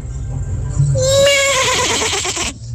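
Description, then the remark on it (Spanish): A person imitates a rooster crow with one loud, wavering call lasting about a second and a half, rising then trembling before it cuts off, over low background rumble. “Mi talento oculto es ser como un gallo.”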